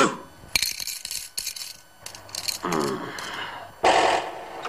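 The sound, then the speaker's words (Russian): A hand bangs on a telephone: a few sharp, irregular knocks with rattling, clinking clatter after each blow, moderately loud, with no one talking. “Бьет рукой по телефону.”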